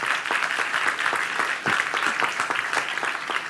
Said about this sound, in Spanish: Den un aplauso a Dios bien fuerte.